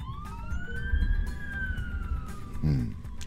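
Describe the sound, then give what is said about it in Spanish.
A fire engine of the Second Company of the Los Lagos fire brigade heads to an emergency at 9:30 in the morning, its siren wailing in one long, slowly rising and falling tone over a low rumble of traffic, with a brief lower horn-like blast near the end. “Ahí va el carro de la segunda compañía de bomberos de Los Lagos también a la emergencia.”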